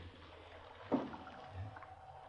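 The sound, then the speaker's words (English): Rain falls in a steady, soft wash of hiss with a faint watery texture, broken by one brief splashing thump near the middle. No one speaks. “It's raining! It's raining!”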